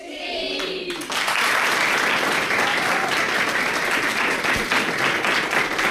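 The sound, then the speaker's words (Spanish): Dense, sustained applause from schoolchildren at their classroom desks, steady and loud after a brief opening of murmured voices, with many hands clapping at once in a continuous wash of sound. “¿Merece un aplauso o no?”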